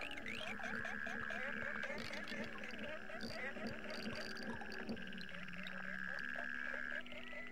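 A dense chorus of North American frogs croaking and trilling nonstop, with long high trills overlapping rapid repeated chirps, all set against a low, steady hum; from an album.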